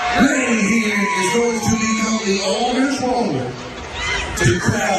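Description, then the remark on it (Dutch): A loud, dense concert crowd in Texas cheers and yells continuously as a 99-year-old American grandmother crowdsurfs, lifted by the audience over the mass of people. Many overlapping voices shout and scream at a steady high level, with occasional rising whoops standing out. “Zo, ja, zo klonk dat.”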